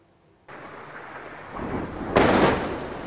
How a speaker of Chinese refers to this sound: 在黎巴嫩南部奈拜提耶，随着巨大爆炸声传出，远处升起滚滚浓烟。据黎巴嫩当局消息，以色列20日对黎南部奈拜提耶、盖纳里特等地发动空袭，造成多人伤亡。